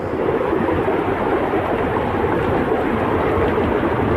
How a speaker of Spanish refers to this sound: Con esta furia ha caído el agua en el Bierzo.